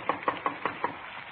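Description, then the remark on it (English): Five quick, evenly spaced knocks rap on the wooden door of a small redwood house at 3113 Nordhoff Street in the San Fernando Valley, in the rain, a steady rhythm at moderate volume, followed by a short quiet stretch. No one speaks. “We parked the car and walked up onto the porch. Frank tried the door.”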